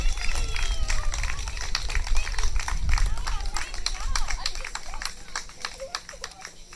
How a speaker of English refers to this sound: Get a drum roll, please, for our under 21 winners, which is 100 years. A big clap.